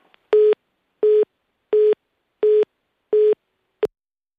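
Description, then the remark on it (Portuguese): A telephone busy tone beeps five times in a steady, evenly spaced rhythm, loud and clear, ending with a short click as the line cuts off after a phone call drops. “Caiu a chamada, não houve aqui nenhuma interferência nossa, como é evidente, foi algum problema.”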